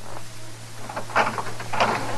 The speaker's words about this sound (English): Open the door. I can't hold all these groceries much longer.